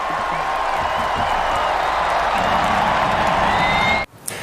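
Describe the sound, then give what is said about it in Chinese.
A huge stadium crowd of players and fans at a Norway national team World Cup match roars and cheers continuously at a steady loud level, a dense wash of voices with whoops on top, cutting off abruptly near the end. “挪威王储哈康索性自己拿起鼓棒掌握节奏，让现场的球员球迷们进行了一次超大规模的维京划船，让这个夏天挪威队美好的世界杯记忆在一声声欢呼声中深深刻进每一个人的心里。”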